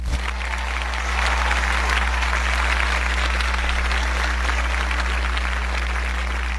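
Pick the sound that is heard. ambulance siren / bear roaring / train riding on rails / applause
applause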